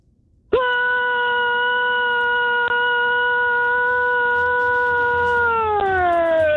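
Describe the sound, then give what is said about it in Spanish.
A single long, loud shout from a caller from San Marcos, California, heard over a phone line during a radio call-in, holding one steady pitch for about five seconds before sliding downward and trailing off at the end. “A ver, vamos a escuchar tu grito”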